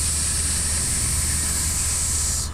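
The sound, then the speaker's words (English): A person imitates a snake for the snake section of a song, with one long, steady, sharp hiss held for a couple of seconds before it cuts off abruptly, over a low background hum. “there is a snake section of the song where you kind of have to go like this here.”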